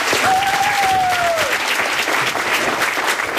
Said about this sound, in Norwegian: Vi gir dem en stor applaus, alle sammen.